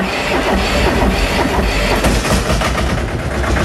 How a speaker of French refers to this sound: Non, le tracteur, c'est pour moi le véhicule utilitaire parfait, quoi. Ça tire, ça pousse. Et ça fait du bruit. C'est un deux cylindres, alors ça cogne un peu, hein, ça ronronne pas comme une Formule 1.